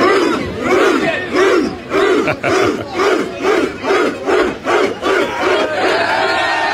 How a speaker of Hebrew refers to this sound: האוהדים האנגלים אפי חגגו בלונדון בדרך יצירתית במיוחד.